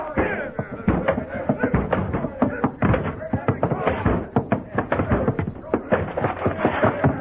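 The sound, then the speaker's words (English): Men break down a door with a rapid, irregular series of heavy thuds and bangs for several seconds, while voices shout and clamor underneath the pounding. “Break that door down.”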